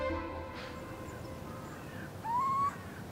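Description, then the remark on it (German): A single owl call from an owl in a barn rises briefly in pitch near the end, clear, over a steady low rumble of background noise; nobody speaks. “Aber Carsten spürt, in dieser besonderen Scheune und mit dieser Eule geht vielleicht noch mehr.”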